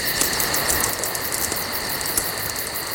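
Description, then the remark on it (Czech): A campfire crackles outdoors on a summer evening of about 20–25 °C, with scattered sharp pops over a soft hissing bed, while cicadas keep up a steady, high-pitched droning chorus throughout. No one speaks. “Praskání ohýnku, do toho klidně, ať ty cikády řvou klidně, hele, to já to mám rád, mě to vůbec nevadí.”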